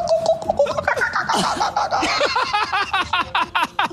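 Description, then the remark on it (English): A person imitates seagull calls with a run of loud, nasal squawks that slide downward in pitch, starting in a tight cluster and then settling into quick, evenly spaced repeated cries. “Seagull noises.”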